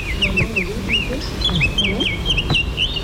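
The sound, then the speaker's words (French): A Eurasian blackcap sings a run of bright, warbling whistled phrases, fairly clear and steady, while people murmur quietly in the background throughout. “C'est encore une fauvette à tête noire.”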